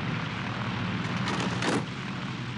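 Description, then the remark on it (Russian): A steady, dense propeller-engine roar of a La-5 fighter plane with red stars and number 60 landing in a field with its left landing gear not fully extended, with a brief burst of crackling, scraping noise partway through as it sets down and tips onto its left wing. “В поле совершает посадку с не до конца выдвинутым левым шасси истребитель Ла-5 с красными звездами и номером 60 на фюзеляже.”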